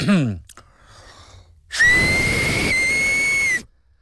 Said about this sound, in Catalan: Ara mateix us aviso que xiularé molt fort al micròfon. Vale, a veure. He estat tot l'estiu practicant.